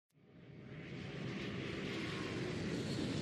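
A loud, steady airplane engine roar swells in quickly and holds at a broad, rushing drone, with no voices over it.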